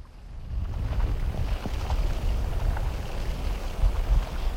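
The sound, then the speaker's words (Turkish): The ice layers of a lake that is freezing over shift, heard as a steady low rumble and groan with a few faint creaks and ticks scattered through it. There is no talking. “Göl sanki nefes alıp veriyor. Buz katmanları inip kalkan göğsü gibi kıpırdanıyor.”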